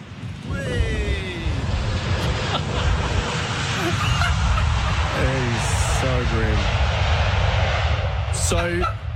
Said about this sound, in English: So the wheels have touched down, and I thought, this is an historic moment.